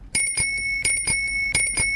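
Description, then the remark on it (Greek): A bicycle bell rings in quick repeated dings, two pairs of bright metallic strikes with a sustained high ringing tone lingering between them, loud and with no voices. “Όποτε ακούτε το κουδουνάκι του ποδηλάτου, περιμένω μήνυμα Viber”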